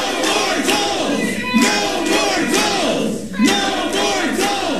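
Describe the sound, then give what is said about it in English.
A crowd at a city council meeting on a toll-lane project shouts angrily in the council chamber, shouting down council members, many raised voices overlapping into a loud, continuous roar with repeated swells of yelling and no clear words. “Most of the speakers were against the project, and Mayor Rob Harrington had some removed from the chamber for being disruptive and shouting down council members.”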